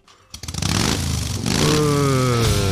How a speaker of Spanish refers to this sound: Guarda, pero acá adentro no vas a prender la moto